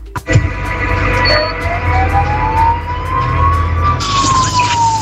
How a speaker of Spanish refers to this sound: … te pone la sirena de la ambulancia.